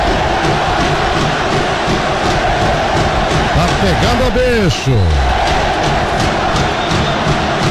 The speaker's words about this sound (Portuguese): Tem os gritos da torcida aí, ó.